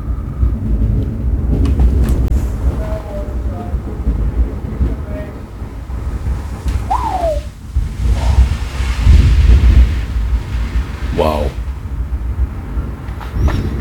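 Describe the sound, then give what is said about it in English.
Heavy, steady torrential downpour roars while deep rolling thunder rumbles underneath, loud and continuous throughout; a man briefly exclaims partway through. A railway bridge stands about 80 metres away. “Torrential rain, rolling thunder, and there is a railway bridge about 80 metres from me just now.”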